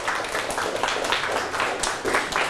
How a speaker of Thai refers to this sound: เก่งมากครับปรบมือให้ตนเอง